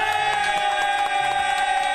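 A crowd cheers and claps in a dense, steady roar with no pauses, holding loud and even for the full two seconds, with no voices talking over it.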